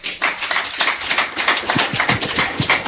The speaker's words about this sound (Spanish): Pues ya que la cachalal, hay un fuertes aplausos, chera ojo el Dios.